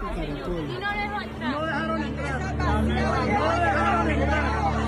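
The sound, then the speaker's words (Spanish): A dense crowd of many voices talking over one another in a steady, loud babble, with no single speaker standing out; the murmur swells slightly louder in the second half. The crowd is at the door of the consulate in Atlanta. “Escuche usted lo que está pasando en la puerta del consulado.”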